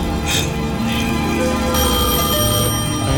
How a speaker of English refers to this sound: Answer that phone.